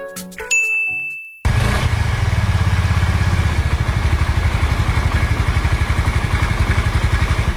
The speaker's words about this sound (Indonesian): Gagah bener, motor baru bro. Mewah banget lagi kelihatannya. Jelas bro, Honda Vario 125.